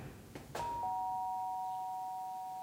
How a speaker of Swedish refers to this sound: Elsa och Kalle ringer på hos vaktmästaren Alfons.